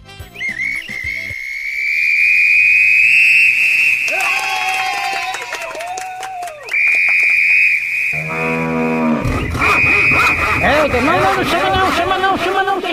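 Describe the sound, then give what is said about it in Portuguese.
A shrill, steady whistle, presented as a novelty whistle for calling cuckolds on the Macho Velho program, blows loudly and almost continuously, with a couple of short breaks, while low, drawn-out mooing calls rise and fall beneath it. “Fui só apitar aqui, já começou a alarmar.”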